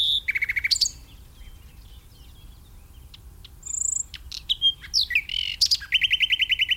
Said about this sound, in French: c'est le rouge-gorge, qu'on peut avoir aussi bien en été qu'en hiver